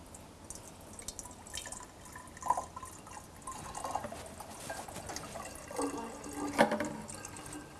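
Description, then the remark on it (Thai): Water is poured into a bottle in a teacher's test of how filling containers of different shapes sounds, a steady splashing, gurgling stream with bright drip-like bursts that rises in pitch and swells louder near the end, no voices present. “สิ่งที่คุณครูอยากจะเช็คก็คือถ้าเรากรอกน้ำลงไปในภาชนะที่มีรูปร่างต่างๆกันเนี่ยเราจะยังได้ยินเสียงคล้ายๆกับที่เราได้ยินหรือต่างกับที่เราได้ยินมาแล้วอย่างไร”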